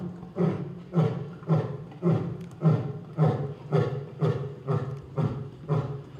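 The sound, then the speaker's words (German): A male lion roars to mark its territory, a steady series of deep, throaty grunts, about nine or ten heavy pulses in quick rhythm, loud, with no voices present. “Der markiert jetzt sein Revier, das Löwenbrüllen.”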